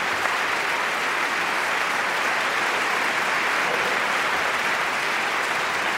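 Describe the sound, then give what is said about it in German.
An opera audience claps steadily for six seconds, giving an extra big round of applause to the children attending, a dense, even wash of applause that stays loud throughout with no voices rising above it. “Ganz großer Applaus.”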